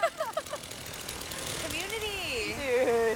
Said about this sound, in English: Then a man in sandals stepped out of a truck with a chainsaw and started bucking a tree.